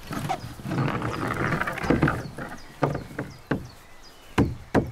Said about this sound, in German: Okay, ich würde die ein bisschen hochhämmern, auch wenn es unten noch nicht ganz bündig ist. Hammer kommt.